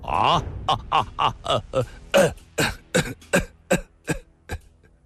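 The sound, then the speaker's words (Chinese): An unbroken fit of harsh coughing from a man bending over: about a dozen rasping coughs in quick, uneven succession, each a short explosive burst, growing slightly sharper toward the end, with no talking. “他想笑一笑，却又弯下了腰，不停地咳嗽了起来。”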